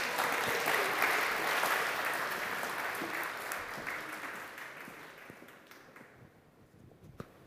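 An audience applauds steadily, a dense wash of many hands clapping that slowly thins and fades over several seconds, with a few scattered claps lingering at the end.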